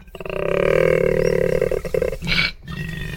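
A male koala in Australia bellows, leaning back and looking up toward the sky with its mouth open. A deep, rumbling, snoring roar is held for about two seconds, followed by a rasping intake and another throaty grunt, loud with no talking.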